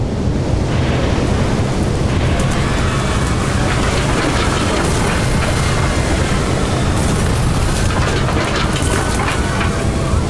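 A loud roar of strong wind from newly switched-on wind turbines blasting continuously, a dense rushing noise heavy in low rumble with brighter hissing bursts now and then, and no voices.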